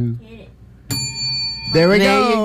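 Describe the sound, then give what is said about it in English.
A single bright bell is rung once by a physician and rings out clearly with a shimmering, sustained tone for nearly a second, with people talking just before and right after it. “That's our own personal physician ringing that bell,”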